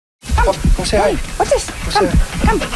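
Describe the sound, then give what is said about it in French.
A 10-year-old dog that does not want to go out for a walk whimpers in a series of about five short, whiny, rising-and-falling cries, fairly loud, with brief pauses between them. “Le chien de Noel Ryecroft, Bernie, ne veut pas sortir pour une marche.”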